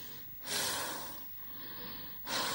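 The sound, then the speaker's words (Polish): A patient breathes deeply and audibly during a medical examination, a loud rushing inhale followed by a softer, longer exhale, then another sharp intake of breath begins. No one speaks. “Oddychać.”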